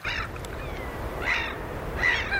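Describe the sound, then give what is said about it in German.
Gulls give a few loud, harsh calls in the wind, roughly one every second, above a steady low rush of waves on the coast of Sweden in the middle of the night, broadcast live on Swedish radio. “Möwen und Wellen, guter Stoff, sagt einer der Moderatoren im schwedischen Radio.”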